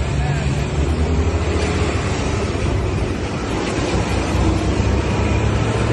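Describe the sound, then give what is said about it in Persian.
A steady, heavy rumble of a queue of idling diesel vehicles waiting for diesel fuel at a petrol station in Tehran, Iran, the deep engine drone continuous and fairly loud for the whole stretch, with no distinct horns or separate passing cars. “این صف گازوئیل 4 ترافیک.”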